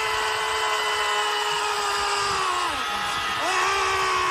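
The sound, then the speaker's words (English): A group of people in a scream session let out all their frustration on a count of three, screaming together in one loud, sustained roar of overlapping voices that holds steady throughout, with a pitch that briefly sags and then rises again near the end. “maybe don't yell at your boss, but you get your screams out and maybe make yourself feel better”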